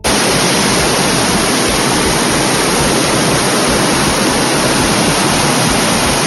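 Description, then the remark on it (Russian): A loud, steady rush of fast-flowing floodwater flooding the streets of Grodno, Belarus, after an ordinary May rain, roars without a break, a dense hiss with a low rumble underneath, with no voices. “Это реки воды, которые в прямом смысле слова залили улицы Гродно после обычного майского дождя.”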